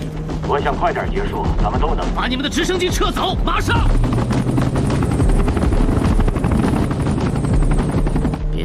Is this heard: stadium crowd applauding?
no